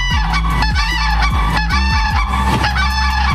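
A mated pair of common cranes trumpet together in loud, overlapping calls, harsh bugling notes alternating in a rapid duet with no voices present.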